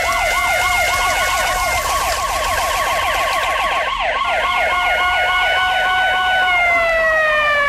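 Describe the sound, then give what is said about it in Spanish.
Sirens from three police cars wail together, their fast rising-and-falling tones overlapping loudly and continuously, with no voices present. “No puedes golpear a un policía. Tres autos, Sidney. Debe haber pedido ayuda.”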